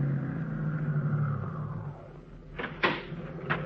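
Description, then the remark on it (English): A car engine idles with a steady low hum, left running at a stop by a sandwich shop because the battery is down. The hum eases off after a second or so, followed by three short, sharp clunks like a door opening and shutting. “Say, my battery's down, so just keep the motor running while I'm gone, will you?”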